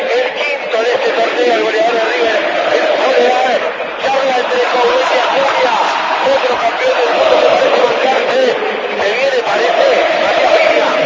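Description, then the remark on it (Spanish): The crowd at River Plate's Monumental stadium roars after a River goal, a dense, loud wall of thousands of voices that holds steady without letup for about eleven seconds, with no single voice standing out. “Se levanta el Monumental, un grito furioso, en un grito de felicidad, en un grito de dejar las broncas de lado.”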